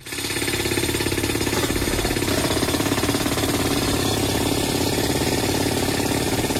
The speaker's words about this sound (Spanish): O sea, esto es lo que conocemos como el martillo neumático. Exactamente. Y es como el sonido que uno trata de editar.